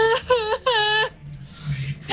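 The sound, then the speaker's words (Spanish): A voice imitates a woman wailing inconsolably in the street out front on an unusually cold day, giving two high, quavering cries with wavering pitch, fairly loud, followed by a faint breathy sigh. “había más frío de lo normal, no había cobija que tapara ese frío, y se comenzó a escuchar en la calle, en el frente, como alguien que lloraba, una mujer que lloraba, pero lloraba desconsolada.”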